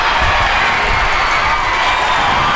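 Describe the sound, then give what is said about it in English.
A sold-out outdoor crowd of more than 3,000 fans at a softball game at the Hillsboro Ballpark cheers and roars steadily, a dense wash of many voices with scattered shouts rising over it, loud and sustained throughout without any pause. “A sold-out crowd of more than 3,000 fans cheered on the Portland Cascade as the team defeated the Oklahoma City Spark 3-0.”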